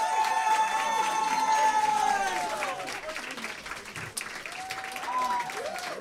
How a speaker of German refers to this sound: So, jetzt bitte nochmal einen großen Applaus